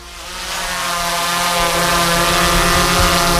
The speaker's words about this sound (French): Ce bruit, c'est celui d'un drone, et plus particulièrement du drone qui est actuellement en train de survoler les églises peintes de l'Allier, à l'intérieur comme à l'extérieur. Objectif, des vidéos et un film.